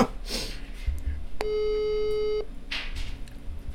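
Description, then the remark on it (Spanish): A single steady telephone ringing tone, about one second long and fairly clear, sounds once against a low background hum as an outgoing call waits to be answered; the call goes unanswered. “Ahí lo estamos llamando, a ver si nos atiende.”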